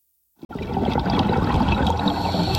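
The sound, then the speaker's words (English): A diver breathing underwater at a coral reef in the Maldives: after a moment of silence, a loud, steady rush of bubbling, gurgling air begins abruptly and carries on without a break, with no voices. “You and I hear a diver breathing underwater, but the diver in this coral reef in the Maldives is hearing something we can't.”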